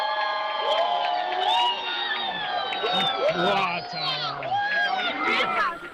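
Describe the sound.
A large crowd in La Guardia breaks its silence and erupts in cheering and applause after a brief spectacle, with many overlapping excited voices, whoops and shouts rising together, sustained and loud throughout.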